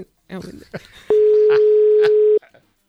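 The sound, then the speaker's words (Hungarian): A steady, loud telephone dial tone holds for over a second as a call is placed, with brief talking and clicks before it and a quiet tail after. “fogjuk fölhívni most.”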